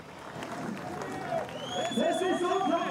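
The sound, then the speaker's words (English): A crowd of fans at Erzberg roars and cheers Lettenbichler's fifth win in a row, many voices blending into a dense, sustained wash that swells louder toward the end, with scattered shouts and whoops rising above it. “You can hear just an audible roar from the fans.”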